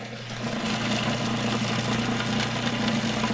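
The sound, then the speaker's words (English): A food processor runs steadily, finely chopping basil, parsley, oregano and two whole garlic cloves with a continuous buzzing whir over a low motor hum, holding an even loudness throughout with no voices. “No, because what the machine will do.”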